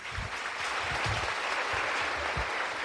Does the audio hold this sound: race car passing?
no